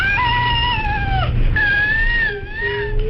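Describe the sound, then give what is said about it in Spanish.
The real cry of a baby with cri du chat syndrome, a genetic alteration caused by loss of part of chromosome 5: a high-pitched, thin, mewing cry, drawn out in two long wavering wails that sound strikingly like a cat, fairly loud over a low background rumble. “Vamos a escuchar el llanto real de un bebé con este síndrome.”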